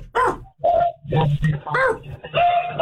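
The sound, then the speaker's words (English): A dog barks repeatedly in about five loud, tinny bursts over a phone line, with short gaps between the yelping barks and some muffled background noise. “I gotta take this off the speaker. The dog.”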